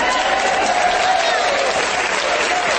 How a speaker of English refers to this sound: You people call that applause?